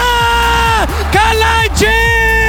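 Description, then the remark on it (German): A man's long, loud, ecstatic scream celebrating Sasa Kalajdzic's stoppage-time goal for 3-3 in a 2026 World Cup football match, its pitch wavering with a few brief dips and catches for breath before surging on again. “Der Schrei, der wird noch lange in Erinnerung bleiben.”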